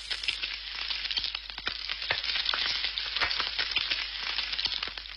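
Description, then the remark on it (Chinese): Marinated pork belly for tanzi pork (jar pork), coated in rice flour, slow-frying over low heat in hot oil: a steady hiss thick with rapid, irregular pops and crackles that carry on evenly throughout, with no voices. “油热后，均匀下入腌制好的五花肉，小火慢煎。”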